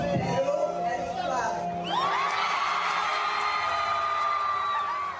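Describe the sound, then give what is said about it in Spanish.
A large crowd of fans screams and cheers continuously as they receive an actress at a red carpet promotion for a new film in Peru, with piercing high-pitched shrieks swelling a couple of seconds in and holding loud throughout, over a steady wash of applause. “El público la recibió entre gritos y aplausos, demostrando que finalmente Perú es clave.”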